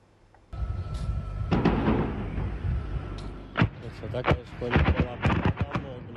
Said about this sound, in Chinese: 目击者拍摄的视频显示，在俄罗斯西部坦波夫州，多架无人机攻向当地一处建筑物，不断传出剧烈爆炸声。